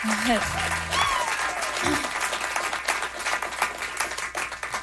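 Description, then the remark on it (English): An audience breaks into steady, dense applause for two musicians about to play, many hands clapping at once in a loud continuous patter, with a brief voice or cheer rising over it at the start. “Nice little sort of round of applause for them.”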